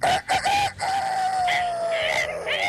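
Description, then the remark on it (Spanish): A person imitates a rooster's crow as a wake-up call, a loud, drawn-out vocal call with a few choppy bursts at the start, then one long sustained wavering note that stretches nearly three seconds. “Así, ahorita hace su grito de gallo como para despertar, a ver cómo le sale a usted.”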